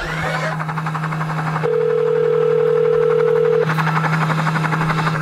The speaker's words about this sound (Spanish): Espérate, y Epi está en un helicóptero. ¡Epi! ¡Epi está en un helicóptero!